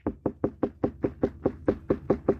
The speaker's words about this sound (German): Dunkel und hohl und die unreife Melone. Tok, tok, tok, tok. Wenn es dunkel und hohl klingt, dann haben Sie eine reife Wassermelone. Ja, Klopftest, das ist das eine.